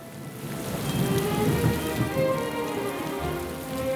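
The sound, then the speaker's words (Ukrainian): Heavy rain pours down steadily, a dense continuous hiss of drops pattering on surfaces, with a low rumble of thunder underneath following lightning. No voices. “Не встиг наш сміливець ускочити в ліс, як угорі блиснуло, загуркотіло і пішов рясний дощ.”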